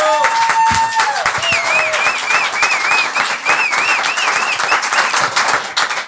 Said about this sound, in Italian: Benvenuta! È la prima volta che è qui! Un altro applauso!